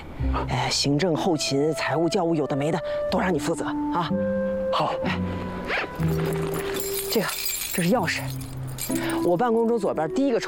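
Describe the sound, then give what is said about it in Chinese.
Metal keys jingle briefly near the middle as they are handed over at a girls' high school, a light clinking that sits partly under steady conversation as people keep talking. “这个，这是钥匙。我办公桌左边第一个抽屉里面有公章和工作清单，赶紧拿着办事去吧。”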